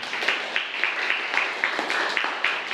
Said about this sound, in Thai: ก็นักเรียนปลายทางนะครับก็ฟังคำตอบของเพื่อนไปแล้วปรบมือให้เพื่อนหน่อยครับนักเรียน